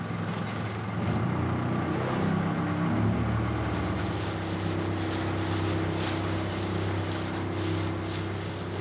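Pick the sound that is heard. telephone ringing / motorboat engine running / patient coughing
motorboat engine running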